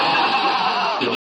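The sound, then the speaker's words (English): A horse named Silver Moon gives a loud, drawn-out whinny with a shrill, quavering tone that holds steady, then breaks off abruptly near the end with a short final burst. “My horse, Silver Moon.”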